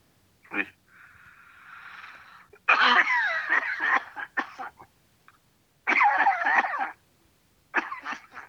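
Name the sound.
heavy coughing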